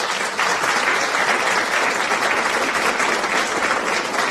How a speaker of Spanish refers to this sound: ¡Llegó el ganador! ¡Aplausos! ¡Aplausos! ¿Dónde están los aplausos?